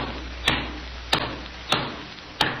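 A hammer drives a nail into a roof with four sharp, evenly spaced blows about half a second apart, each a crisp knock with a brief ring, over a steady low background hiss.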